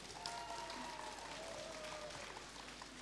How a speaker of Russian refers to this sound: Добрый день, дорогие друзья! Мы рады приветствовать вас на первой в России интернет-радиостанции для незрячих «Радио Рансис», которую предлагаю начать с ваших бурных аплодисментов.